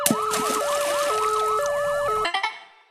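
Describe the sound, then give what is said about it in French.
A loud ambulance siren wails, rapid rising-and-falling sweeps layered over a steady two-tone pattern, then cuts off abruptly just before the end. “Pourquoi les ambulanciers ont une baignoire sur le toit ? Je ne sais toujours pas. Pour la sirène.”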